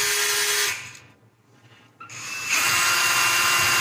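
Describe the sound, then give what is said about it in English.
A man in a garage runs a power drill; it whirs loudly, winds down into a brief lull, then revs back up with a rising whine and runs steadily again. No voices. “To his credit, he stays in the garage and he is using his drill.”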